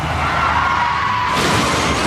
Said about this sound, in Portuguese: Chefe está capotando.